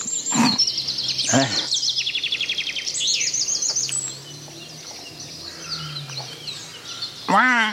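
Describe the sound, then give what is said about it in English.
A crow calls in a few loud, harsh bursts against a busy background of other birds chirping and twittering steadily throughout, clear. “We've only got a crow so far.”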